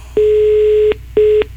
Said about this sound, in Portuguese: Opa, tem um troço apitando aqui. Calma que nós vamos saber o que é, deixa eu ver. Ah, é o telefone, quer ver, ó? Ó!